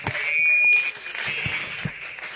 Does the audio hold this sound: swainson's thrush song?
no